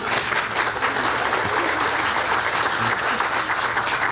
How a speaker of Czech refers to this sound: Tady máte potlesk, to zaslouží potlesk celého publika, myslím.